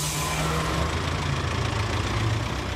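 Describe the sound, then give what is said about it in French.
A large old Coast to Coast bus engine in the USA idles steadily, a deep rumbling drone with a low throb and rattling hiss that holds constant throughout, with no voices. “Travel everywhere in the USA with Jean-Pierre on the old Coast to Coast bus.”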